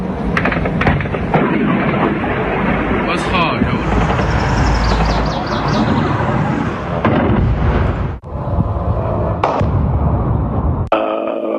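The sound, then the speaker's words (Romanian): Loud, continuous rumbling explosions from Russian armed forces' missile and drone strikes on cities in Ukraine, punctuated by several sharp booming bursts, with indistinct voices mixed into the roar. “Съемки впечатляющие по результатам ударов наших вооруженных сил.”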